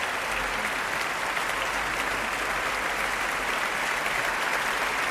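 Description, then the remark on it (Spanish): Sustained applause from a large concert audience for composer and conductor Tan Dun, a dense, steady wash of clapping at even loudness throughout, with no voices standing out. “Aplausos de nuevo al compositor y, en esta ocasión, director de orquesta, Tan Dun.”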